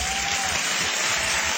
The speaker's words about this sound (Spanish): Hey, si va a aplaudir, aplauda bien.